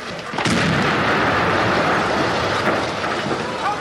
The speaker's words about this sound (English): As they reach the balcony, one places a short fuse demolition charge against the sill. Then they get back, but not before waving the police marksman to take cover.